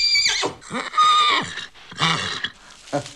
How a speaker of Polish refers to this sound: O, już się rży, ogierem. Ale jeszcze pijany, jeszcze zmęczył się mocno bardzo swoją podróżą.